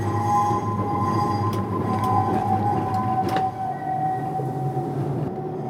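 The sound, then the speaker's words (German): A tram creeps slowly into its parking spot between two other trams at the Betriebshof depot on Einsteinstraße. A steady electric motor whine plays over a low rolling rumble, with a few sharp clicks and knocks from the wheels and car body. No one speaks. “Da können wir jetzt zwischen diesen beiden genau Trambahnen einparken.”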